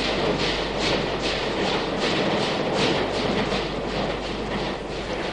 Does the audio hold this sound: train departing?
yes